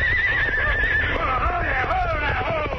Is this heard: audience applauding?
no